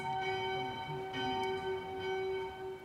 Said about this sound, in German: Und genau in diesem Moment ertönen die Glocken zum Mittagsgeläut. Ganz bestimmt kein Zufall.